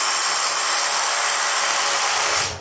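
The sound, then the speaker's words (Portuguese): A power drill whirs steadily into hard rock in a protected nature reserve on the Desertas, drilling holes to install temperature sensors in the intertidal zone. It is a loud, continuous grinding buzz that holds for a couple of seconds before winding down at the end. “Na reserva protegida, de repente o som de um berbequim.”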